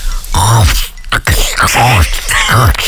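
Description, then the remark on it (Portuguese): A voice imitates munching a raw carrot with a series of gruff, rasping grunts, four or five loud throaty bursts in a rough rhythm that sound more like snorting than crunching. “Ela já começa o dia comendo uma cenoura crua.”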